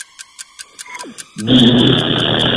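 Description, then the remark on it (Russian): A voice imitates a microwave heating soup: a steady run of ticking clicks, a brief sliding whistle, then a loud, sustained buzzing hum that carries to the end. “Микроволновка, которая разогревает суп.”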